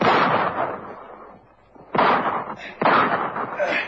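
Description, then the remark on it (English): Three loud, sharp pistol shots ring out in a quick exchange between a fleeing bank robber and a bank guard, each a hard crack with a short echoing tail, the first two separated by a brief pause and the last two close together. “Crazy square with a pistol. He shot me.”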